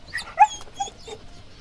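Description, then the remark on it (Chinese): A puppy whimpers and gives a few short, high-pitched yips in quick succession, the sharpest cry coming early, then softer whines trailing off. “大哥，这小狗讨人嫌吧？”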